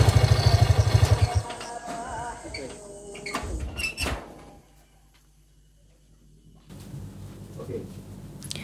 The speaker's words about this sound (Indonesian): Pintu terbuka.